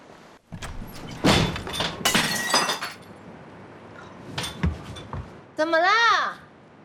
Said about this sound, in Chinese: 哎呦，这玻璃怎么还掉下来了？ 你没事吧？没伤着你吧？